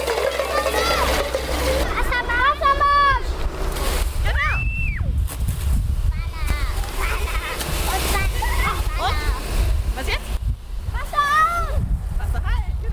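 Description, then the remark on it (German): Water sprays from a second fire hose nozzle opened by kindergarten preschool children during fire safety education with the volunteer fire brigade in Weißenborn, in a steady, loud rushing hiss that runs the whole time, while the children's high, excited voices call out over it. “Genau, zweites Rohr Wassermarsch. Ne? Und jetzt aufdrehen.”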